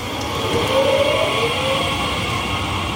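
Steady rumble of Erfurt's main train station (Hauptbahnhof) with braking rail cars, a thin high squeal rising briefly over the continuous low, dense roar; no voices.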